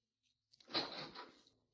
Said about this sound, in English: Who is it? The room clerk. Would you open the door for a minute? Yeah.